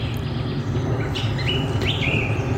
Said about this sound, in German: das ist mal ein schöner Arbeitsplatz, wo die ganze Zeit ein paar Vögel im Hintergrund sind.